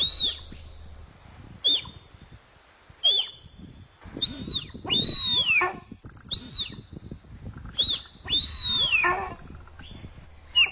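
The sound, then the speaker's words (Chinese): A deer calls repeatedly, about seven high, thin squealing cries, some short yelps and some longer wavering whistles that fall at the end, separated by brief pauses, with no talking. “我今天特别准备了这一小段的鹿鸣声，也让大家来听一听，是不是跟你想象的是一样的呢？”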